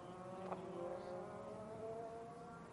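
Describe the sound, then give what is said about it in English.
Loud, steady engine drone from several GTP race cars entering the pit lane for pit stops: the number 24 BMW, number 6 Porsche, number 40 Cadillac and number 60 Acura. Their tones slide slightly lower as they roll past at reduced speed, with a brief clunk early on and no voices. “It's the number 24 BMW coming in, leading them in with the number 6 Porsche behind the number 40 Cadillac and the number 60 Mareschank Acura all coming in.”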